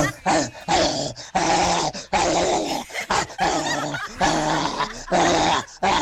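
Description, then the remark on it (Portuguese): A person imitates a rabid dog, letting out loud, raspy growls and snarls in several rough, frantic bursts separated by short gaps. “Mas eu quero latido de cachorro louco, cadê o cachorro louco?”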